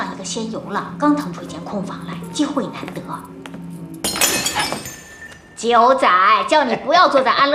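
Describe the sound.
A drinking glass, dropped by a 90-year-old man drinking in an easy chair, suddenly shatters with a single sharp, bright crash and brief tinkling decay. People talk before it, and a voice resumes loudly soon after.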